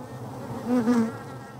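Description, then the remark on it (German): Steady buzzing of agitated honeybees around a hive on a tower, a dense droning hum that swells louder and more intense midway through before easing back, with no voices. “Jetzt werden sie langsam doch ein bisschen biestig.”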